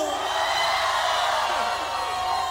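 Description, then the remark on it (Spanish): A large crowd gathered at the Teatro de la Ciudad in Mexico roars and shouts joyfully at once, a shout of jubilation to Jehovah, a dense, steady wall of voices sustained loudly from start to finish without pause. “Un grito de júbilo.”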